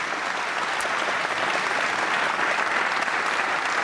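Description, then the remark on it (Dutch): A crowd claps steadily for pianist Ivan Petrenko, seated at the grand piano at a concert, a dense, even wash of applause that stays loud and unbroken for the whole stretch, with no voices rising above it. “Dames en heren, mag ik een groot applaus voor Ivan Petrenko.”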